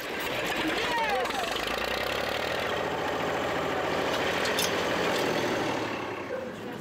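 engine starting and idling

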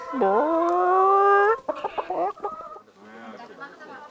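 chicken clucking

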